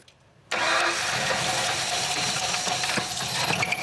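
After half a second of quiet, a customer's car engine is started for inspection and runs loud and rough, with a rapid knocking from the connecting rod under the roar. No one speaks.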